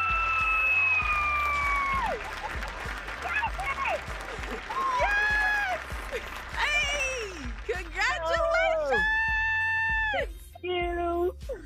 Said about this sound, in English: I'm just going to tell you right now, your scream did it for me, okay?